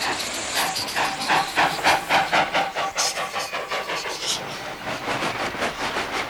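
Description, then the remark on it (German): A steam locomotive puffs away with steady, rhythmic chuffs over a continuous loud hiss of steam, building into a quick chugging beat as it pulls off as fast as possible after unloading. “Schnell alles abladen und dann dampfe ich so schnell wie möglich zu McCall und hole das Stroh”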